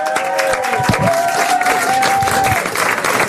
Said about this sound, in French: Je voudrais s'il vous plaît qu'on applaudisse celle qui arrive maintenant, qu'on est tellement heureux de voir.